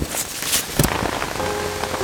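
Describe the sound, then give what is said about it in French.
Steady rain patters on a hard surface on a June day while it is still light, a dense hiss of drops with a few louder splashes and thumps standing out, continuous throughout, no voices. “Et le voilà donc parti sous la pluie en direction de sa future maison.”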